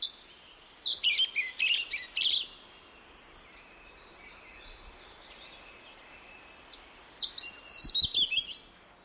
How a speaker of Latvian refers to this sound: Sarkanrīklīte ir mazs, Latvijā bieži sastopams meža putns. Kaut arī pirms sistemātiķi atdalīja sarkanrīklīti, tā bija mežastrasu dzimtā un attaisno savu būšanu šajā dzimtā, jo dzied tāpat kā pārējie mežastrasti arī vakar krēslā un naktī.